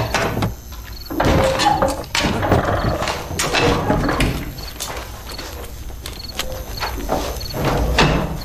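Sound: door being opened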